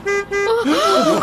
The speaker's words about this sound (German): Oh. Hört ihr das? Das ist ein Wagen. Doch nicht etwa... Oh nein. Da muss ich mal nachsehen. Ja, da hinten fährt tatsächlich ein Wagen durch das Zootor.